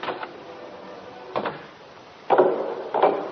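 A front door is opened with a few wooden knocks and rattles, then a louder creak and thump as it swings, followed by another clunk. No one speaks.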